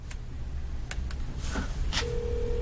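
household object, telephone number being dialed

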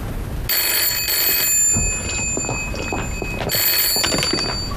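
signal or alarm, telephone ringing

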